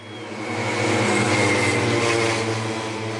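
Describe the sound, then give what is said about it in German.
Pacer motorcycle engines rattle in a loud, continuous mechanical drone with a low buzzing hum, swelling slightly before holding steady, leading cyclists riding in their slipstream at a motor-paced (stayer) cycling race on the track in Forst, Lausitz, Germany. No voices. “So klingen Radrennen in Forst. Vorneweg knattern die Motoren der Schrittmachermaschinen.”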